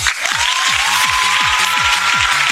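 Steady applause on the show Dimensión Cachonda for an absent, ill team member, a dense continuous patter of many hands clapping at constant loudness, with a low rhythmic thumping pulse and a faint held tone running beneath it.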